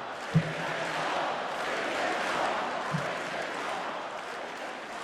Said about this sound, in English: And then it was 24,000 people screaming, bring them home.